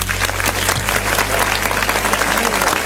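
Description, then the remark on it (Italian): An audience applauds for a DJ at a party on the Studio Q dance station, a dense wash of many hands clapping at full loudness throughout, with a low droning hum underneath. “Facciamo un applauso a ….”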